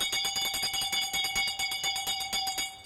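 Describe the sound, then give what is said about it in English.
A bell rings rapidly and continuously, its bright metallic strikes repeating in a fast, steady clatter with a lingering ringing tone for about three seconds. “Wow, let me ring the bell.”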